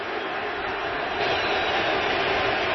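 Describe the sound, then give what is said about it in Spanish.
At Yankee Stadium during a postseason baseball game, the standing crowd gives a sustained ovation, a dense, steady roar of cheering and applause that swells slightly partway through and stays loud throughout, with no distinct voices standing out. “Escuchen al público, la ovación que le van a dar.”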